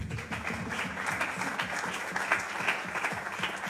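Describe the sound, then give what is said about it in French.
Sustained audience applause, a dense wash of many hands clapping at steady moderate loudness for several seconds, with a faint murmur of voices underneath. “Je propose qu'on applaudisse l'enthousiasme.”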